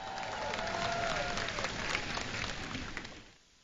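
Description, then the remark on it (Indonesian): A crowd bursts into thunderous applause for Dr. Azmer, a seven-time head judge of the AJL awards: a dense, steady roar of clapping that holds strong for about three seconds before quickly dying away, with a faint whistling tone sliding down early on. “Berikan tepukan gemuruh kepada Dr.”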